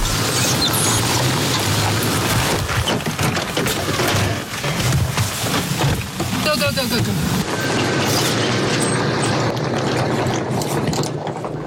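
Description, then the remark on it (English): A Houthi military drone flying overhead: a steady, low droning hum runs throughout, loud and unbroken, mixed with rattling mechanical clatter and a brief burst of ticking partway through, with indistinct voices underneath as people take cover. “We can hear a drone above, and we've been told that it's a Houthi drone, so we're just taking cover.”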